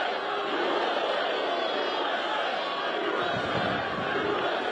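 A large crowd chanting together, a dense, steady roar of many voices filling the space at a constant loud level with no pauses throughout.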